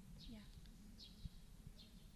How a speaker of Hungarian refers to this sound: Hallott például most a verebeket?